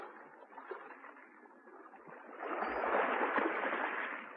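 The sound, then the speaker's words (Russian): A young woman clumsily rows a boat toward the shore: oars dip and pull through water in a steady wash that swells louder halfway through, with a couple of dull knocks against the boat and no voices. “Она отвязала лодку и, неумело загребая веслами, поплыла к берегу.”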